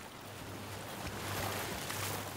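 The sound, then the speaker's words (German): Waves wash onto a beach in a continuous, fairly loud rushing hiss that swells slightly midway, with a low steady hum underneath and no voices. Waves at a city beach. “Und für alle ist der Strand ein Sehnsuchtsort.”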